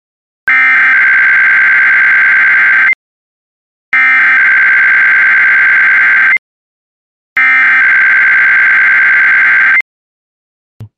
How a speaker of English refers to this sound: If this had been an actual emergency, important information or instructions would have followed the tones you just heard. This concludes this test.